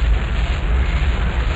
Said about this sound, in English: We have commit. We have liftoff. Liftoff at 7:51 a.m. Eastern Standard Time.